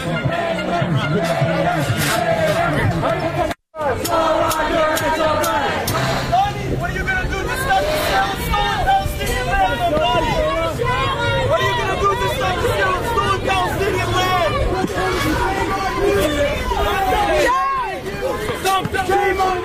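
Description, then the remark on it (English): A loud crowd of pro-Hamas protesters at a unity rally in New York boos and shouts continuously at a man, many voices overlapping into a dense roar, with one brief break early on before the jeering resumes. “They started booing and shouting at him.”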